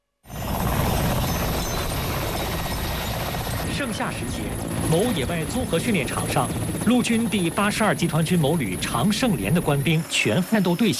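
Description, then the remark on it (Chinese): A helicopter's loud, steady rotor roar fills the whole recording, with people's voices rising over the din partway through and continuing to the end, during helicopter airborne landing training by soldiers of the Changsheng Company of a brigade of the Army's 82nd Group Army at a field training ground in midsummer. “盛夏时节，某野外综合训练场上，陆军第82集团军某旅常胜连的官兵全战斗队形等直升机机降训练科目，再一次刷新了连队的训练记录。”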